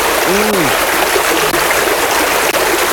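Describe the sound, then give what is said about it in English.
Steady, loud rush of flowing water fills the whole moment, a constant hiss like a stream, with a brief low swooping gurgle near the start. “Oh, hear that wave.”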